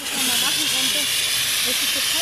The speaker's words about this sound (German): Danach dürfen die Teilnehmenden selbst üben, Brände zu löschen, fiktiv mit wassergefüllten Feuerlöschern.